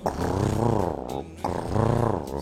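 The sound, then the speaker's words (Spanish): Two drawn-out, hoarse, low-pitched meows from a cat that has been scratching at a window, each lasting about a second with a wavering rise and fall in pitch, separated by a brief pause. The sound is fairly loud and steady, with no talking. “Ese medio gato calentón, Está medio afónico ese gato.”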